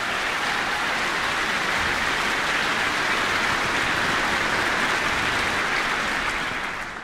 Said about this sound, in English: And this is my first time with the NCDSO, wonderful orchestra that you should feel proud of. So a big applause to this wonderful orchestra.